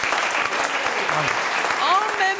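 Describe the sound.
Audience applause, a steady dense wash of clapping that holds even throughout, with a few voices and a rising whoop or whistle near the end.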